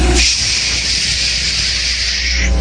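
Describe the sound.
A voice imitates falling rainwater with one steady, loud, hissing "shhh" held for over two seconds, then cut off. It is bright and breathy, with no words spoken.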